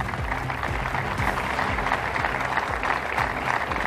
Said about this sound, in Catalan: Són els aplaudiments d'aquest moment d'homenatge.